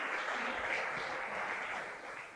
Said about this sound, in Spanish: Dele ese fuerte aplauso, no se me quede ahí quieto, sino creámosle al Señor.